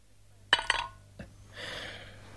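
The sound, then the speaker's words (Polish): A drinking glass clinks twice with a bright ring, followed by a short wet spitting click as someone spits on the glass, then a soft, steady rubbing swish as the glass is wiped with a sleeve. “Pluje na szklankę, wyciera rękawem.”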